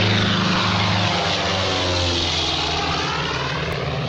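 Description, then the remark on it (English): A propeller airplane bound for Lisbon drones loudly overhead, its steady engine roar filling the air with a low rumbling hum and slowly shifting tones as it passes. “plane to Lisbon.”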